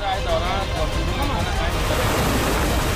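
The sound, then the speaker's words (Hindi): Rushing floodwater roars steadily and loudly at a bridge in Balasore, where a man is crossing with his motorbike, a dense continuous churn of surging waves, with faint indistinct voices mixed into the background. “ऐसे विषम हालात के बाद भी वो आगे बढ़ने लगा, लेकिन तूफानी रफ्तार वाली लहरों के आगे उसकी पकड़ कमजोर पड़ गई।”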